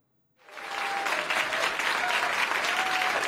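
Applause from an audience starts after a brief silence and quickly builds into steady, dense clapping that holds at a loud, even level to the end, with no voices heard.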